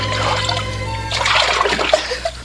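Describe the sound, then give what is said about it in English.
Water sloshes and splashes as someone washes in a river, with irregular splatters and trickling over a steady low hum, a few sharper splashes toward the end. “Before very long, the daughter of Pharaoh came down to wash herself at the river, attended by her maidens.”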